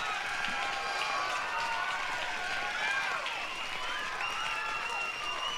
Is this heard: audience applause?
yes